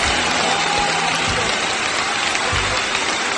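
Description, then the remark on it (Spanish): A steady burst of applause from a sound effect called 'aplauso bacán' played during a radio broadcast, dense clapping at a constant loud level throughout the few seconds, with no voices over it. “Con este aplauso bacán, lo tenemos como efecto y dice aplauso bacán.”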